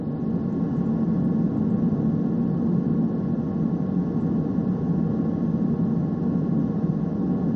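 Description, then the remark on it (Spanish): A steady, low droning hum of the spaceship Discovery's engine runs unbroken throughout, with a soft hiss layered on top and no voices or changes in level. “Solo se oye el leve zumbido del motor de la nave.”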